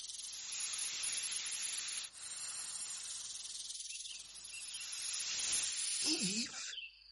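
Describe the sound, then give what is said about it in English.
A long, loud snake hiss sounds almost unbroken for several seconds, dipping briefly once and swelling with a faint throaty undertone near the end. “But one day, the devil came disguised as a snake.”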